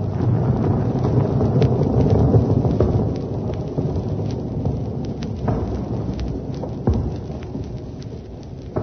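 A loud, sustained mountain avalanche rumble, the second avalanche in a short while: a deep roaring wash of noise with scattered cracks and thuds, rolling steadily for several seconds before easing slightly. No voices.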